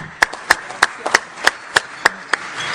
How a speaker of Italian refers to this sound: a te il microfono, un applauso.